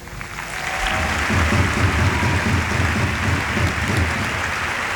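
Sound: applause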